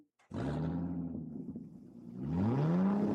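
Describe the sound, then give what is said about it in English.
A car engine starts with a sudden loud roar, idles with a deep throaty rumble, then revs up hard, its pitch climbing at the end. There is no talking. “You like the sound of that, don't you? Well, that's what you get at Eden's Travels Car Rentals and Travel Services.”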